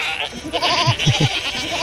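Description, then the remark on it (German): Several goats crowding around on all sides, nudging and pushing, bleat with wavering, quavering cries overlapping in quick succession over a short, busy stretch. “Die Ziegen umdrängen uns von allen Seiten.”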